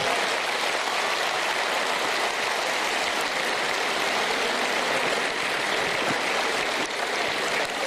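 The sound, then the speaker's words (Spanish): Steady, dense applause from a sizable crowd for the performer's late father fills the whole stretch, a continuous wash of clapping hands that holds an even, strong level with no voices over it. “Fuerte, fuerte el aplauso para él.”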